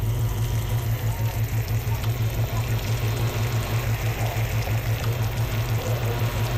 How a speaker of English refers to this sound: I'm gonna keep it at medium to medium low heat because sugar burns really quickly. I'll be back. Here's a little sugar sizzling ASMR.